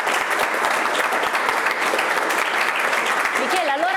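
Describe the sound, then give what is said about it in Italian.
Sustained applause from a crowd, a dense steady wash of clapping at even loudness throughout, with a faint voice rising briefly near the end. “qui l'applauso ci sta veramente bene.”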